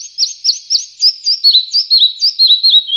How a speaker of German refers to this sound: Ja, so klang er, der Zwergschnäpper, der Vogel der Woche, auf der Rabeninsel. Schwer zu sehen, weil er ist ja so klein.